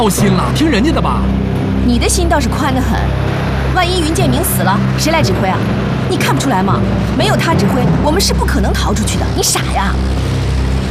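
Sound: car driving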